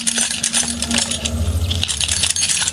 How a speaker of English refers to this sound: I sampled them and incorporated them in some of the rhythmical aspects of the track. For example, the jingling keys can be heard playing the role of an offbeat hi-hat within a sort of techno track.